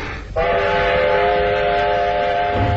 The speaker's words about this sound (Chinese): 火车开动了